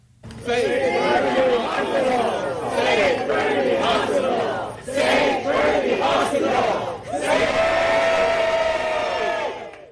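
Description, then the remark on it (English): A crowd of residents protesting the province's cancellation of an infrastructure project contract chants loudly and rhythmically, many voices shouting together in repeated phrases, with brief pauses between bursts and a sustained final chant. “Now, this weekend, residents showed up to protest, calling it a broken promise.”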